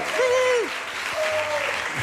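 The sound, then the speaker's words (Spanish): A steady wash of audience applause for guest Andrés Averasturi fills the whole stretch, dense and fairly loud, with a couple of drawn-out vocal tones rising above the clapping. “Que ya viene aplaudido, Averas, ya viene aplaudido.”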